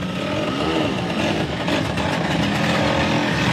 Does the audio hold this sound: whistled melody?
no